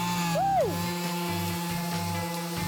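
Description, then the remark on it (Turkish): A power sander runs steadily on a wooden door as the final step in making the door, its motor humming and whining continuously, with a brief rise and fall in pitch near the start. “şu anda kapımızın son işlemi olan ahşap üretiminde zımpara işlemini gerçekleştireceğiz.”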